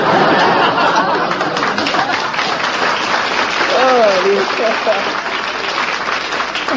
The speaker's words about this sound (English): I want to thank every bachelor in the audience. Even a couple of married men are applauding.